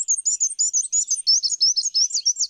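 A black-and-white warbler sings a thin, high-pitched series of rapidly repeated squeaky notes, steady and clear, like a small wheel turning, with no voices present.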